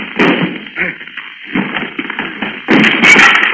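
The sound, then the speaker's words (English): A door is crashed down: a series of heavy thuds and bangs, ending in a louder, sustained crash as it gives way. “Stand back so I can crash down this door.”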